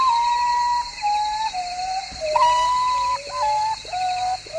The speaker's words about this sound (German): So ein Vogel der Woche. Der Uratau. Der Tagschläfer.